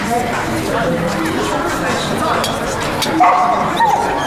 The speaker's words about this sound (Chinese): 把你那烂怂狗弄出去。这开会呢，成何体统？ 哎呀，这听说你要讲话呢，想来学习拦都拦不住。